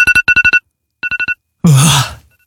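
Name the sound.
smartphone alarm clock ringtone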